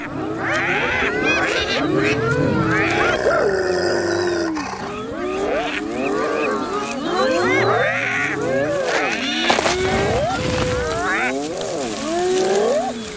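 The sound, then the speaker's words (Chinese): Spotted hyenas in a clan growl and roar amid conflict over sharing food, a loud, continuous jumble of overlapping calls, with rough snarls mixed with rising and falling whooping cries for the whole stretch. No one speaks. “虽然通常情况下，仅仅是几声咆哮和有力的抓挠足矣。”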